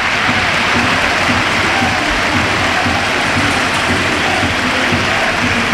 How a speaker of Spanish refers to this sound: Bueno, ahora os lo contamos porque esta es la ovación a Mikel Oyarzabal. Bueno, ha tirado el peto, lo ha tirado al suelo y se ha marchado directo al vestuario. Ovación a Noeta, a su campeón del mundo.